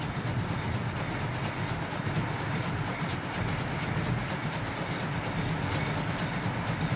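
A steam-hauled train rolls by with a loud, steady rumble and a rapid, rhythmic clickety-clack of wheels, continuous for the whole stretch with no voices.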